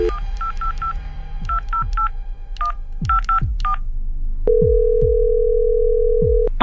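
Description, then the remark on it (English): A quick series of electronic touch-tone beeps as a phone number for a resort and casino hotel in Las Vegas is keyed in, grouped in short bursts, followed by a steady, sustained tone near the end. Low thumps sit underneath. “We have it all in front of us, and let's get him on the phone.”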